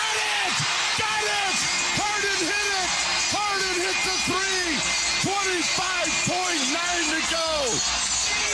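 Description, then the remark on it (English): A basketball arena crowd roars steadily after a James Harden three-pointer in the fourth quarter as the Cavs beat Detroit 116-109 in a playoff series, a loud wash of noise with many voices whooping and yelling in rising and falling swoops throughout. “James Harden, as the crowd roars with a silencer.”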